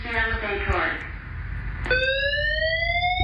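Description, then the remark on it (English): A fire alarm being tested blares a harsh, buzzy electronic tone that fades out after about a second, then kicks back in loud and steady after a short pause; the test has gone on for 30 minutes. “This is a fire alarm test.”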